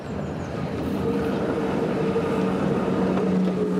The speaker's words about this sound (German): Auch unser Zug kommt nun nach Klobenstein, dem Hauptort der Gemeinde Ritten.